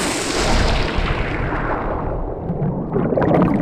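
A loud splash as someone jumps into the water, the bright hiss quickly dulling into a muffled, continuous underwater gurgle and bubbling. No voices are heard.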